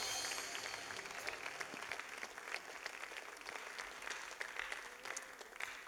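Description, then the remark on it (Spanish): A church audience applauds steadily, giving a loud applause to God as King, a dense wash of many hands clapping that holds at an even level for the whole stretch, with no voices standing out. “Denle un fuerte aplauso al Rey.”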